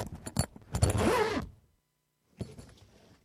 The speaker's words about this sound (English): Oh, dashed zip. That's why I leave it open.